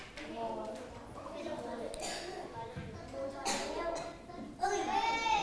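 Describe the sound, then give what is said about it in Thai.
Dice clatter and tumble in a few short, sharp knocks against a hard surface as a student group rolls them in a classroom board game to see how many spaces to move, mixed with children's voices and lively classroom chatter around them. “ต่อไปเดี๋ยวกลุ่มที่2ทอยลูกเต๋าค่ะเพื่อที่จะเดินไปดูนะคะว่าจะได้เท่าไหร่”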